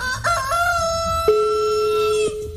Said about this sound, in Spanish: Vamos a ver que le cante el gallo ahí